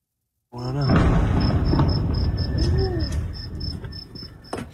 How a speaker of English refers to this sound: The sound of escalation in the Middle East, an explosion in northern Iran. U.S. airstrikes are landing inside the country.